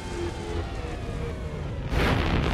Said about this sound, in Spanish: La luz del aerodeslizador distante se hace más grande a medida que se acerca. La nave aterriza en el suelo árido.